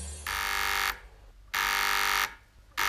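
A radio transceiver's call signal at the Horská Louka mountain hut buzzes in harsh, steady bursts, two long ones separated by short pauses and a third just beginning, loud and rasping with no voices.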